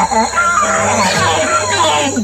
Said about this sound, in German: Die Nase männlicher Nasenaffen kann mehrere Zentimeter lang werden und hängt teilweise über den Mund und spielt eine wichtige Rolle bei der Kommunikation. Männliche Nasenaffen stoßen nämlich tiefe, laute Rufe aus.